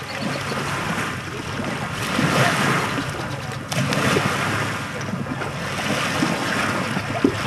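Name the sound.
waves lapping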